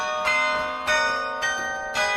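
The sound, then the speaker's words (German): Carillon bells in the bell tower of the Karlskirche in Kassel, Germany, played by a 16-year-old carillon player, ring out in a steady sequence, four bright metallic strikes about half a second apart, each leaving a shimmering, overlapping resonance. No voices, just the clear chiming melody. “Seit letztem Winter spielt er das Carillon, also Glockenspiel, in der Kasseler Karlskirche.”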